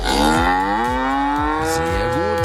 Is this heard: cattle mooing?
yes